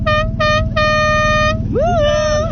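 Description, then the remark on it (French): A loud boat horn honks two short blasts and then a longer one, followed by a wavering, bending horn tone, all over a constant low engine or wind rumble, sounded from a boat to signal friends on another boat. “On peut peut-être klaxonner, Christophe.”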